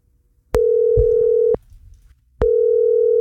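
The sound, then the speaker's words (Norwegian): A telephone ringback tone sounds as the radio station Jærradioen calls a listener who signed up a school class: a steady electronic burst lasting about a second, a pause, then the next burst starting, clear with no talking. “Og apropos det, så ringte Rogvi en av de påmeldte I dag.”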